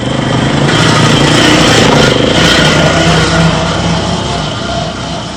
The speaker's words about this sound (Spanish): Y al paso de la motoneta empieza el recorrido hasta llegar al centro de clasificación.